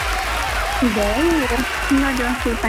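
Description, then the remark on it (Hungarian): Steady, dense applause on a radio show celebrating a couple's 21st anniversary fills the whole clip at a loud level, with rising and falling voices whooping or calling out over the clapping. “Ezzel a tapsal pedig titeket ünnepelünk.”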